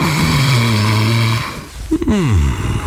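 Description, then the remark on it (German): A loud, buzzy snore from someone sleeping in a comfortable bed with fine bed linen from Bettenhaus Hennel in Radebeul West: one long rumbling inhale, a brief pause, then a wobbling exhale that slides downward in pitch. No voices. “Toll, dass Sie in unseren bequemen Betten und der feinen Bettwäsche so gut schlafen.”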